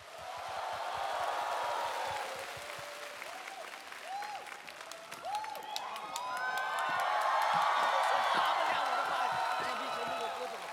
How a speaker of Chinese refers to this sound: 各位亲爱的朋友们，掌声有请